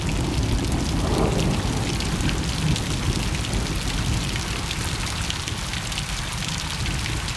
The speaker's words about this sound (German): Für mich klingt es nach Frieden, wenn es regnet und ich drinnen bin und der Regen tropft gegen das Fenster.